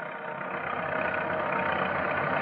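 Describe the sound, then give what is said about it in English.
The engine of the road foreman's car idles in a steady, even rumble as he drives to the camp. It has a constant mid-pitched hum with no change in loudness. No one speaks. “So, with Deputies Nestor and Chapman following in their car, the breathless road foreman drives to the camp.”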